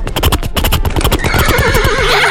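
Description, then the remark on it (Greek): A person imitates a horse neighing, starting with rapid stuttering pulses that stretch into a long, wavering whinny, loud, with no other talking. “στείλτε μας ηχητικό μίμηση αλόγου.”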